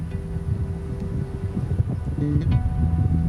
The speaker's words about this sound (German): Es kommt Wind auf. Es wird richtig stürmisch.